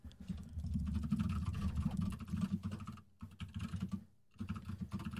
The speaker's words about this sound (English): Okay. A lot of typing there. Not a lot of talking.